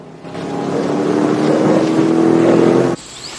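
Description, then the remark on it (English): A truck engine roars loudly and steadily for about three seconds as the truck races off, its droning hum holding steady rather than fading, then cuts off abruptly into quieter background noise. “He then watches the truck race off into the distance.”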